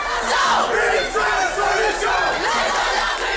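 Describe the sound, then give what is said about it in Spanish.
A large crowd at a student strike demonstration in France chants together in rising and falling shouted phrases, loud and sustained, with a dense wash of many voices beneath the rhythmic calls. “Sí, ahí en Francia los sindicatos estudiantiles y educativos han convocado una nueva jornada de huelga y manifestaciones para el próximo martes.”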